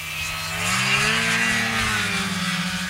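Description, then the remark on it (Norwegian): A snowmobile engine drones steadily, its pitch swelling upward and then easing back as the throttle is worked, with a harsh, buzzing whine over a rough rumble. No one speaks. “Bengt Rune Strifeldt fra FRP vet at denne lyden musikk I ørene til velgerne hjemme I Finnmark.”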